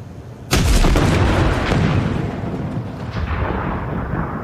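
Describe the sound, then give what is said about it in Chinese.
A single powerful explosion erupts suddenly and loud, then rolls into a long, deep rumbling roar that lingers for several seconds with a rough, crackling texture. “小光，小光，啥玩意儿爆炸了？”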